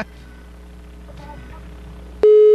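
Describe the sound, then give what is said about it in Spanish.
A faint, hissy phone-line hum suddenly cuts to a loud, steady electronic tone, a telephone busy signal sounding after a caller hangs up on a Cadena Caliente radio call-in. “Después se enoja conmigo y me cuelga.”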